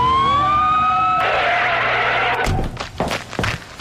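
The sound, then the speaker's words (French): A police patrol car siren, responding to a report of suspicious activity at a convenience store, wails upward for about a second, loud, then gives way to rushing noise and several sharp, thumping bursts. No one speaks. “Voiture de patrouille, on nous signale une activité suspecte au dépanneur du lac.”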